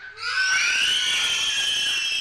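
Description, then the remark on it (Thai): A crowd of girls, the girls' team in a children's game, erupts in high-pitched shouting and cheering when a teacher asks to hear them, a loud sustained roar of many voices that swells quickly and holds steady for a couple of seconds. “ต่อไปค่ะทีมที่2เป็นทีมเด็กผู้หญิงค่ะขอเสียงเด็กผู้หญิงหน่อยค่ะ”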